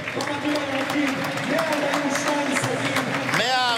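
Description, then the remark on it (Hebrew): A stadium crowd of Maccabi Haifa fans, on their feet, applauds captain Abdoulaye Seck during a ceremony for him: a dense, continuous patter of many hands clapping, while a man talks over it throughout. “כל האוהדים שכאן, לא 30,000, אבל כל האוהדים שכאן על הרגליים, מוחאים כפיים לעבדולאי סק.”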